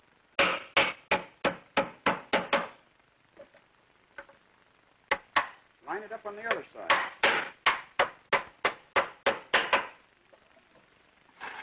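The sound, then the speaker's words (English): Rapid bursts of sharp hammer blows driving nails into wood to fix a furniture leg flush against the top, three nails on each side, a quick run of about eight strikes, a pause with a brief spoken line, then another steady volley of a dozen or so blows. “And we can well put in another nail, 3 on each side.”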